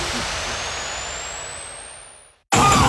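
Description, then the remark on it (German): A faulty car engine whines and strains, its high pitch slowly climbing as the noise gradually fades, then cuts off abruptly before a burst of different loud, noisy sound. “Wenn euer Fahrzeug so klingt, dann gibt's nur eins.”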